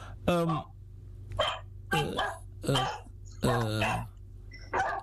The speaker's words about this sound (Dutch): Je krijgt waarschijnlijk bezoek, want die honden slaan aan daar.